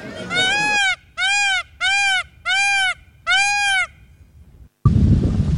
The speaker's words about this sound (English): The first sound was the peacocks, really.